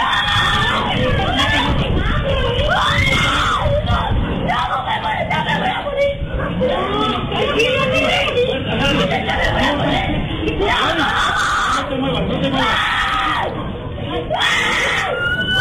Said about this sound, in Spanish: video del momento se hizo viral a través de redes sociales, sobre todo por los gritos de auxilio y pánico del menor, quien trataba de zafarse de esta mordedura del perro, el cual escapó de la casa de un vecino. Escuchemos cómo se vivió el momento.